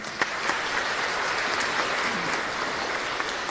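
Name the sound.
audience applauding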